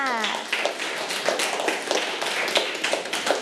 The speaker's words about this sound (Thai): ใช่แล้วค่ะเก่งมากค่ะปรบมือให้เพื่อนด้วยค่ะ